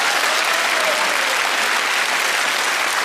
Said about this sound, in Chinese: 此处应该有掌声，我觉得，谢谢。